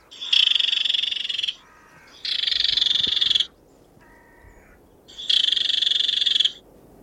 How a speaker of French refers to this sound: Et du coup, on peut tenter de mettre directement de la repasse à la fauvette épervière. Soyons honnêtes, hein, ça marche pas souvent parce que la probabilité qu'il y en ait une dans le buisson est très faible. Mais parfois, parfois ça marche.